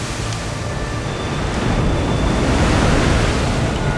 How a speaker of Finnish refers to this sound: Tuuli yltyy riepottamaan lakanapurjettasi. Öisillä merillä ohueksi kulunut kangas antaa lopulta periksi puuskalle, joka repäisee lakanan halki.